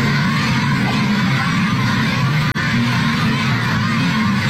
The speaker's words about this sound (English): So these kids are shouting and they're waving pom-poms and flags and they're like elementary school kids and they're jumping up and down.